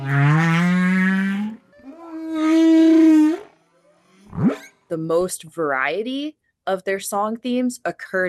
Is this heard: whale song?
yes